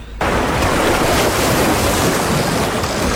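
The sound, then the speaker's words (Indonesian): Steady roar of ocean surf breaking on a beach, loud, starting abruptly after a brief quiet moment and continuing as a dense, continuous wash of water noise. “Asik, akhirnya mandi di pantai juga. Tinggal di gunung, jauh dari pantai. Ada burung-burung, ombak bunyi.”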